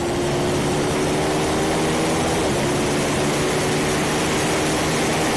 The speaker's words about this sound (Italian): Bello il rombo delle bagger che, come anche dicevamo in precedenza, comunque ci fanno stupire, perché non è mai normale vedere queste moto al via, soprattutto correre in un circuito come anche nel campionato mondiale